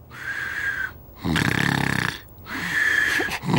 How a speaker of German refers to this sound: Als Priesemut ins Schlafzimmer kam, schlief Nulli bereits tief und fest und schnarchelte ziemlich laut vor sich hin.